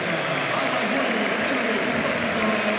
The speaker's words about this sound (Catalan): No, és que estava escoltant els aplaudiments de Roberto. És que avui el públic valora que s'ho ha deixat tot.